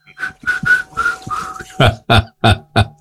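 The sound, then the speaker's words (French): Someone whistles a short tune in the dark, a string of steady, held notes, followed by four loud, evenly spaced breathy bursts that end the phrase. “Je vais siffloter un peu dans le noir.”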